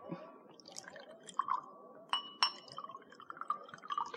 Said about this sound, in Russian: Готово? Готово? Наливайте